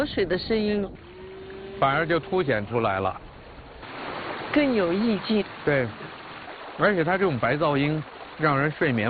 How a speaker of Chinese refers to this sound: 我觉得这个到晚一点，安静下来，就河水的声音， 反而就凸显出来了， 更有意境。 对，而且它这种白噪音，让人睡眠会特别踏实。 对对对。 你在这种白噪音上面，你一会儿就睡着了。 哗啦哗啦。